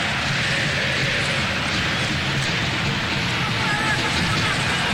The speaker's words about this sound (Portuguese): A torcida está presente aqui, ó. Escuta só.